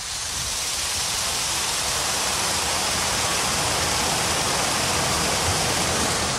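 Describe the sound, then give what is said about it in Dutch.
Water pours steadily over a weir on the Vecht river at Junne during a drought, a dense, continuous rushing roar that holds at an even loudness throughout, with no voices. “En hier bij die stuw in Junne klinkt dat, ondanks de droogte, gewoon zo.”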